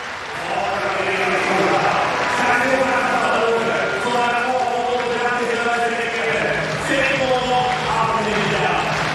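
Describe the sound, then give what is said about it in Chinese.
A large crowd at a pole vault competition claps in a steady rhythm, prompted by rival vaulter Andrichs at the side asking the audience for rhythmic clapping before a 6-metre attempt; a broad wash of hands mixed with a loud, continuous murmur of many voices throughout. “他的对手同时呢也是他的好友安德里克斯在场边是为他要掌声，要这个观众鼓掌的节奏，希望能够给他带来一些帮助。”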